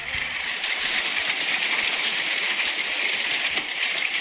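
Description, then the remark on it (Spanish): Hail pelting down in Belville in the early morning, in a dense, loud, steady roar, with countless tiny clattering impacts rattling against hard surfaces throughout. No voices. “Sí, acá me están mandando a videos, granizo en Belville, empezó en seco, a ver.”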